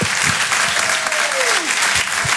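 Loud, dense applause and cheering from the audience at the Rire et Chanson Comedy Club, steady clapping filling the whole clip, with a faint whistle gliding downward partway through.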